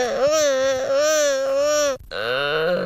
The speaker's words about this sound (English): To be fair, the gelada monkeys sound really weird. They really do. They sound like somebody's like in pain or something. It's like they don't sound, it's not something anybody really wants to listen to.